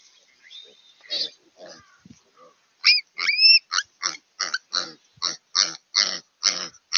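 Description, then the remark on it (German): Piglets grunt and squeal as a raven attacks them, filmed by a wildlife camera, in a rapid, rhythmic series of sharp bursts, growing louder and more insistent after a few softer, scattered grunts at the start, with some high-pitched shrill cries mixed in. “Dieser Rabe geht gezielt auf ein Ferkel los.”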